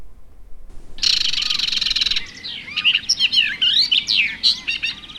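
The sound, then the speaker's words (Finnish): A barred warbler sings: a harsh, buzzy rattle opens, then a rapid run of scratchy, warbling chirps and whistles tumbling along in quick bursts, with no voices present. “Jos jonkin Suomessa pesivän lintulajin kohtalosta pitäisi olla huolissaan, niin se olisi kirjokerttu.”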